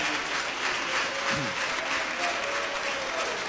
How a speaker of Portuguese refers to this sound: Quem louva a Deus por este momento, diga glória a Deus. Aleluia, pode aplaudir ao Senhor.